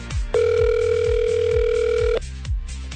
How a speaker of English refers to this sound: Let's make that phone call to the winner of road trip number 2.